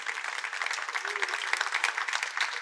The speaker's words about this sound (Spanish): Es más, tomemos un momento para darle un aplauso de gratitud, de alabanza al Señor.